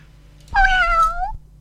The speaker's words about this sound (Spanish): Ahí está el gatito de nuestro amigo.